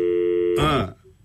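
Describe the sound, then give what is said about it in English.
A steady electronic telephone line tone hums for about half a second as a radio presenter tries to phone a music expert live, then breaks into a brief harsh burst of noise before dropping to near silence. “So let's see if we can get him on the phone.”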